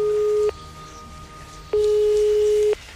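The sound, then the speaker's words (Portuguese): A steady telephone ringing tone sounds twice while calling a company's phone number, a short burst then a longer one about a second long, separated by a pause of quiet line hiss. Clear, with no voices. “Então tomei coragem e liguei para o número de telefone da empresa que ele trabalhava.”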